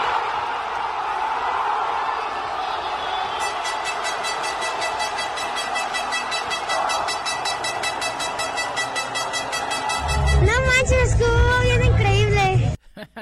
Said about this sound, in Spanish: Empezó el partido, no cabía ni un alfiler, y de pronto el grito de gol cuando Julián Quiñones anotó a los sudafricanos. Así fue el momento.